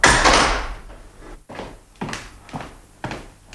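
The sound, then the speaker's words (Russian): A hotel room door creaks open: a loud initial rush followed by a series of evenly spaced creaking pulses, with no voices. “Дверь приоткрылась, и в номер протиснулся костлявый.”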